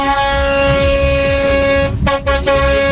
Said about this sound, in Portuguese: Ó, aqui vale pra quem buzina de carro, de moto, vale de todo jeito, cara. De toda forma, não tem essa, não.